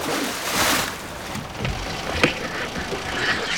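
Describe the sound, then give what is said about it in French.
An anchor is thrown from a boat into the open sea, a rushing splash followed by a sharp knock, over a steady wash of sea and hull noise. “Je vais couper le moteur et plonger le rejoindre. Je jette l'ancre.”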